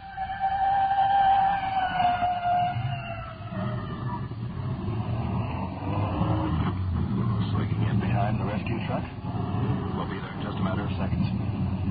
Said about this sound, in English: It's red fire department rescue squad. Slowing down. We're pulled over to the side now. Let the respirator truck go by. Here she goes.